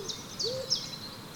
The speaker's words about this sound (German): Von dem Jammern geweckte Eule, die in der nächsten Eiche hauste, rief heraus